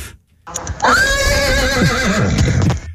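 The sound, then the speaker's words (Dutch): A person imitates a horse's whinny, a loud, quavering neigh of about two seconds with wavering pitch, with no talking during the imitation. “Maar ik kan dus ook heel goed een paard navoeren. Oh, een hinnikend paard.”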